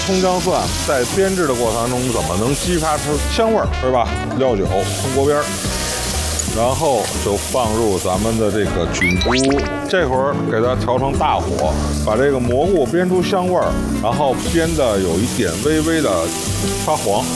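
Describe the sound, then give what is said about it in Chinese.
Scallion, garlic, ginger and small xiaomila chilies sizzle steadily in a generous amount of hot oil over medium heat, the first step of making a mushroom sauce. A constant crackling hiss runs beneath people talking almost the whole time, with occasional stirring. “锅里稍微放多一点的油，因为它菌菇比较吃油，然后去煸炒葱姜蒜小米辣。”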